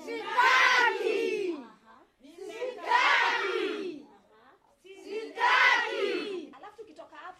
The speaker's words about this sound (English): And that word they're shouting as they punch the bag? Well, it's so important, it warrants special practice.